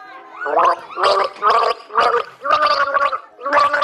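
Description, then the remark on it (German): Someone gargles the German children's song "Alle meine Entchen" in a song-guessing game, the bubbling water carrying a rhythmic sequence of pitched notes in short, evenly spaced bursts, loud and with no talking over it. “Alle meine Entchen, das war leicht.”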